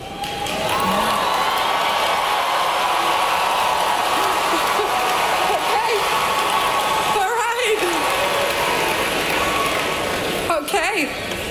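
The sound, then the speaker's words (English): The 2026 graduating class of the University of Central Florida roars steadily throughout, a dense mix of loud booing and cheering voices that never lets up, with scattered shouts rising above the din, reacting to a real estate executive describing artificial intelligence as the next industrial revolution. “getting booed and cheered, ironically, by the 2026 graduating class of the University of Central Florida after describing artificial intelligence as the next industrial”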